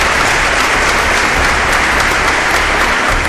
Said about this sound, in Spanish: ¿Cuánto dicen amén? Den un aplauso, Señor, amén.